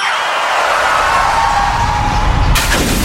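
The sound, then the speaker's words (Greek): A car windshield smashes with a sudden, sharp, bright crash near the end, following several seconds of loud, steady rumbling road and engine noise. No one speaks. “Ωχ, πάει το μπαμπρίς.”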